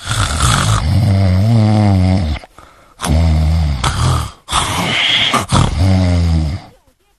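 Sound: voice imitating loud snoring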